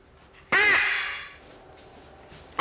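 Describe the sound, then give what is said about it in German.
A single loud, harsh squawk from a macaw, a large kind that can grow to 90 cm with a correspondingly large beak, rings out and trails off into a faint echoing tail, with another squawk just starting at the very end. “Auch beim sogenannten Aramakau, der mit 90 cm sehr groß werden kann und einen entsprechend großen Schnabel hat.”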